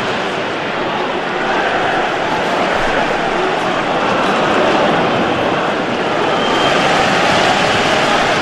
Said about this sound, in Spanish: Escuchen ustedes el abucheo, ¿eh? Por parte respetable. Ojo. No están abucheando el Fulham. Abuchean a la visita.